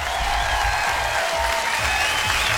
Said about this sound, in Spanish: El récord anterior fue de 723 personas conectadas. Y es de este programa. ¡Aplausos para este programa!